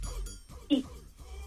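A single short dog bark pops out briefly amid quiet murmuring, moderately loud, with faint voices in the background.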